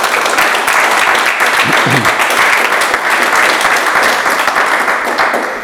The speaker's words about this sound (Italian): Allora, intanto un applauso.